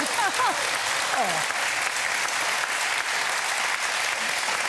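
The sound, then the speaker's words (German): Loud, sustained applause from a studio audience greeting two studio contestants. It is a dense, steady wash of clapping that holds for the whole stretch, with a few brief voices or cheers rising in the first second. “Und Sie kennen das schon mit dem Applaus”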